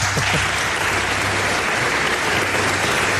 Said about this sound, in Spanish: No os he pedido un aplauso para él, creo.